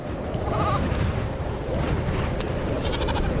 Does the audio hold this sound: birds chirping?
no